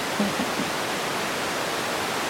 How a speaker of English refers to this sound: We're currently live over the sound bed of your bat detector.